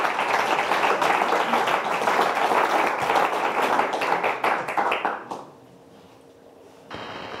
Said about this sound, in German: Und einen großen Applaus für Moose Musculus Volans.